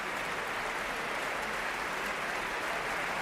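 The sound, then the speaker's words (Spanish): A concert audience in the Sala Sinfónica of the Auditorio Nacional de Música in Madrid applauds the Orquesta Nacional and conductor Pablo González as he shakes hands with the principal string players. The applause is a steady, dense, even wash of many hands clapping at constant loudness, with no voices standing out. “Pablo González da la mano a los primeros atriles de las secciones de cuerdas mientras el público aplaude.”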